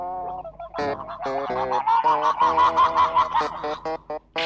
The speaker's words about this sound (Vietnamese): Trời ơi, uống nước giống gà lâu kêu quá trời ơi.